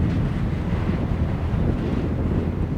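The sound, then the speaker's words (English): Strong wind roars and buffets the microphone in a steady, loud, low rumble that never lets up, with no voices or other sounds breaking through. The wind blows along a steep mountain ridge where paragliders fly. “It's really windy up there.”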